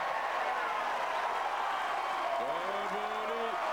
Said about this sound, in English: And just listen to the reaction. That was a fine rally, but the crowd are really into this, trying to raise Cobolli's level.